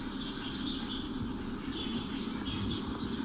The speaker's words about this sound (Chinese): 一天早晨，孟浩然被一阵阵鸟鸣声吵醒，睡眼惺忪的诗人推开窗户，惊讶地发现窗外花落满地。